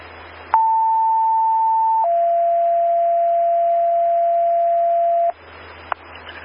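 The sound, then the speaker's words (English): Two long, steady electronic tones sound loudly over a faint radio hiss: a higher pitch for about a second and a half, then a lower one held for about three seconds, a fire dispatch alert set for a call about an unresponsive 66-year-old man with suspected carbon monoxide poisoning from a generator running in a basement. “Go ahead and set the tones on that one.”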